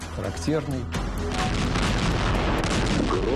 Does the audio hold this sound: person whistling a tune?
no